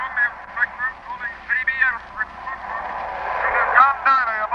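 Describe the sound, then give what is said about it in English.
Thin, crackling radio static hisses steadily while faint, garbled voice fragments break through in short bursts, sounding muffled. “It may be nothing but those strange patterns of static coming in from the Western Ocean.”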